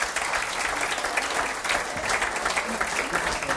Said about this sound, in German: das ist ein Applaus, liebe Jogiländer.